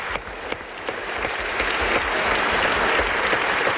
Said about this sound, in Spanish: Bueno, pues un aplauso para este nuevo amigo que acabamos de hacer, por favor.